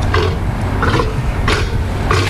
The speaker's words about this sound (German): Ein patagonischer Seelöwe, eine Mähnenrobbe. Die Robben mit der Löwenmähne, ja, da hätten wir drauf kommen können tatsächlich. Die machen ja putzige Geräusche hier.